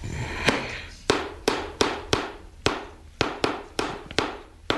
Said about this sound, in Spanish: Dio unos martillazos.